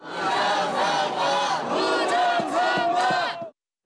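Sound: protest crowd chanting slogans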